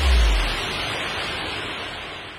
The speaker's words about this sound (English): There is so much going on today, and the rain isn't ruining the fun one bit.